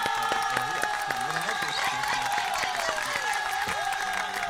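A crowd applauds and cheers steadily for a few seconds for a guest joining, dense clapping mixed with shouts and whoops, loud and continuous throughout.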